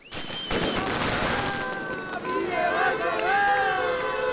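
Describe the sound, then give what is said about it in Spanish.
Workers from other companies applaud with dense, crackling claps amid flares while voices shout and cheer, some rising into sustained calls, all fairly loud, as the first shift of the Tubos Reunidos plant in Amurrio returns to work just before 6 a.m. after nearly 3 months of strike. “Lo hacían entre bengalas, aplausos y gritos de apoyo por parte de trabajadoras y trabajadores de otras empresas de Ayaraldea que también pasan por conflictos laborales.”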